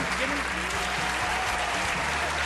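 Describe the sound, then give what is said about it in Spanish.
A short burst of applause for the winner of a prize draw fills the space, dense clapping from a group with a steady, busy texture, with some low voices or murmuring underneath. “Un aplauso rápidamente, vamos.”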